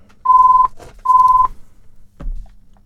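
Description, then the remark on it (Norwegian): During a bingo game, a telephone rings with two short, steady electronic tones, one right after the other, loud, followed by a dull thunk as if the receiver is picked up. “Og der ringer det.”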